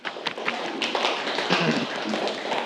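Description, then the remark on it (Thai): A group of students in a class applauds a classmate, a dense burst of many overlapping hand claps that stays steady and fairly loud for a few seconds with no talking. “ปรบมือให้กับเพื่อนเลยครับ”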